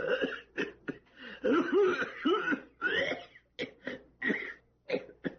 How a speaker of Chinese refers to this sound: 有一个人进到一家药店，正想对药店老板说什么，突然剧烈的咳嗽起来。